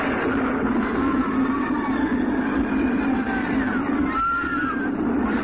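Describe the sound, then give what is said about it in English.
A runaway mine train on Big Thunder Mountain rumbles steadily along its tracks, a loud, continuous low roar with faint high squeals of wheels drifting through it, and no voices. “what strange force has unleashed the runaway mine trains on Big Thunder Mountain.”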